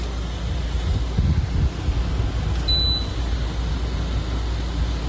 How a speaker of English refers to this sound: This is the air conditioner in my bedroom. Now, I have a mini split system, so I can keep it quiet if I want to, but this is like an old school window air conditioner, and I love it because it just drowns out everything else.